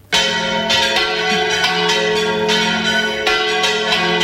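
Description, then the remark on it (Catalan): The church bell tower bells of Beniopa ring loudly and continuously on the festival day of Santa Maria Magdalena, with repeated overlapping strikes every half second or so and a rich, sustained metallic ringing that never fades between hits. “I així sonàvem fa un ratet el campanar de Beniopa.”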